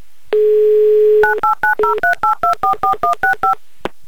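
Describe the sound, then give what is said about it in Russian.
A steady dial tone hums for about a second, then about a dozen short, evenly spaced touch-tone beeps play, each a brief two-pitch chirp, with no voices, as the Yumor FM radio studio dials a listener's phone number in Yaroslavl, Russia, during a live on-air game. “Так, номер набран.”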